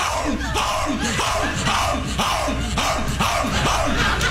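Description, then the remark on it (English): A man's voice mimics a dog barking on a porch at 3 o'clock in the morning, in a quick, steady run of loud shouted barks, about two per second, over a roaring, laughing crowd. “Why don't I bark it up for no reason whatsoever?”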